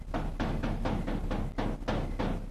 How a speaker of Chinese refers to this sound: 外面有人敲门。